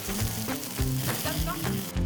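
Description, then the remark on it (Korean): Meat sizzles on a barbecue grill at a campsite in a steady, dense crackling hiss that holds for about two seconds, over a low, shifting tonal background. “게다가 딸 덕분에 이곳에서 가끔 이렇게 바비큐를 즐기는 재미가 쏠쏠하답니다.”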